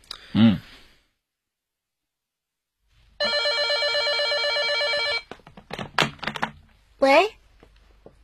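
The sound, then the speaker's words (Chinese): A telephone bell rings continuously for about two seconds, loud, with a dense metallic trill; brief voices and clattering handling sounds follow right after as the phone is answered. “谁打来的电话？ 不知道，对方挂机了。”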